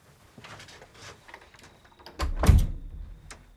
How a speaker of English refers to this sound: They step out of the room with Senior pulling the door closed as he goes.